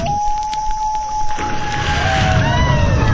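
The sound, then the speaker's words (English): An outboard motorboat engine whines steadily across the water, its pitch rising as it revs up, with a rushing, sloshing wash of water underneath. No one speaks. “Repower your boat at Luke's with the new Suzuki Ultimate Outboard Motor.”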